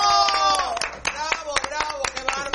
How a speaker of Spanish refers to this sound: Esos aplausos, esas porras, esa manera, esa presentación es lo que de verdad, cómo te sube, pero todo el espíritu, las ganas, la energía.